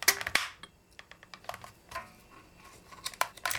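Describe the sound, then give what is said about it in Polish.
A handheld label embosser clunks as its button is pressed very hard, much harder than for embossing letters, to make a space, giving a few sharp plastic-and-metal clicks with light rattling between them, without any talking. “Mam nadzieję, że to na nagraniu będzie słychać i naciskam ten przycisk bardzo mocno, dużo mocniej niż do wybijania liter i do robienia odstępów, więc mamy dźwięk taki typowy do robienia odstępów, tak?”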